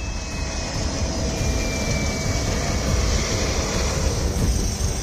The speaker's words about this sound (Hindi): नेपाल में आपदाग्रस्त इलाकों की हालत कैसी है इसको ऐसे समझिए कि नुवाकोट एयरबेस पर एक हेलीकॉप्टर ठीक से लैंड भी नहीं कर पाता कि दूसरा टेक ऑफ कर जाता है।